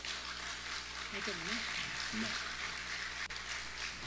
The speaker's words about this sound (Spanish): Un aplauso, por favor.